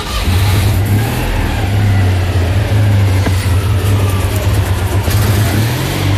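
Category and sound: vehicle, engine revving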